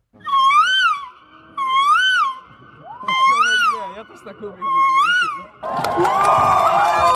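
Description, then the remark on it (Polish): A contestant at a bird-imitation competition in central Warsaw, Poland, imitates a bird with four loud, high, wavering whooping calls, each rising and falling in pitch, evenly spaced, followed by a burst of crowd noise. “uczestnicy z całej Polski prezentowali swoje umiejętności, naśladując głosy, ale też wygląd różnych gatunków ptaków.”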